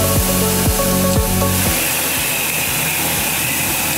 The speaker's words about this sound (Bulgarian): Ето, примерно, тук имаме един миксер за тор, който зададена рецепта за захранене на растенията вкарва директно в капковото. Не е нужно да ходи един човек да отваря клапани, да държи маркуч, да тори на сляпо.